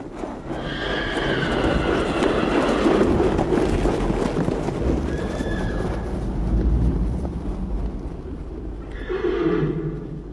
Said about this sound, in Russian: И они бежали, продираясь сквозь кустарник, пока не увидели мчащийся табун. Не меньше сотни лошадей с развивающимися гривами и хвостами таким бешеным скоком неслись по лесу, что земля дрожала от топота их копыт.